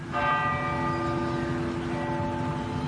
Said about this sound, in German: Nach dem Gottesdienst läuten in ganz Norwegen eine Stunde lang die Kirchenglocken.